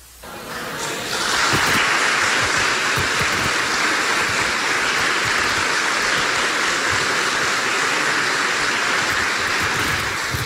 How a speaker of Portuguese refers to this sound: Eu achei ridículo as suas palmas.